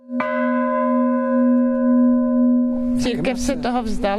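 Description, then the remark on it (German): A single bell in the tower of an abandoned church in Altrocknitz is struck once by hand and rings out with a long, steady hum that slowly fades; after about three seconds a person starts talking over the lingering tone. “Wenn sie auf den Kirchturm klettert, über alte, ungesicherte Bretter, die als Stufen dienen, dann schlägt sie oben mit der Hand die Glocke an.”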